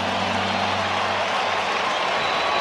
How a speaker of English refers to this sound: You can hear the crowd here in Chicago.